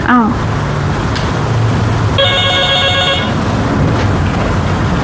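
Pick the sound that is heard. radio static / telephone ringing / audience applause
telephone ringing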